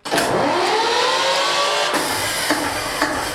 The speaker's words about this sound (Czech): Díky úsilí nadšenců je například v provozu i původní přes 60 let starý dieselový agregát. Já zapnu dekompresor a motor se natočí. Tak, jdeme na to.